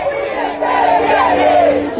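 A large crowd at a protest demonstration about water chants together in unison, a loud, sustained wall of massed voices with a rising and falling melodic contour, steady throughout with no pauses.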